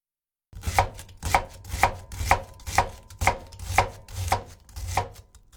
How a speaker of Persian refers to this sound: ابتدا پیاز رو نگینی خرد می‌کنیم.